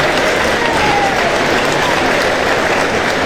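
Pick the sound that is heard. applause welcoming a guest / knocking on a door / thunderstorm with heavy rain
applause welcoming a guest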